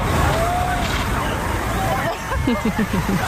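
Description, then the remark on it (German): A water cannon in Berlin sprays a fine mist of clean water over the sidewalk onto a lawn for people to cool off in, with a loud, steady rushing hiss, while a crowd murmurs in the background and a few short, rising calls ring out near the end. “In Berlin gab es sogar eine Abkühlung aus dem Wasserwerfer.”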